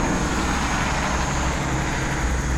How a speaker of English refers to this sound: And it's not trucks, it's all cars. It's all local cars. Which I find vaguely suspicious.